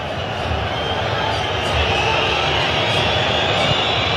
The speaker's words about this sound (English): Now you hear the whistles again. And the booing.